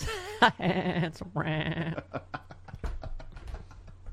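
A sheep bleats twice in quick succession, each a loud, wavering call lasting about half a second, followed by people talking.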